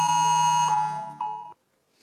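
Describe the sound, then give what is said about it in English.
A loud, harsh emergency alert siren from a mobile phone, from a federal government national warning app trialled in South Australia that overrides silent and do-not-disturb modes, blares steadily with dense buzzing harmonics for about a second and a half, then cuts off abruptly into silence. “A federal government app will be able to play a loud alert siren on your phone anytime, override silent and do not disturb modes.”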